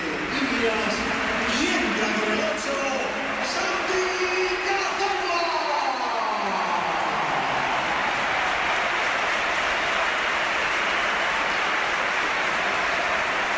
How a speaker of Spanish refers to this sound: ha terminado su carrera en el Oviedo, o todo parece que así va a ser, y esta es la ovación que le ha dedicado el Bernabéu, que ha sido espectacular también cuando entraba el jugador del Oviedo.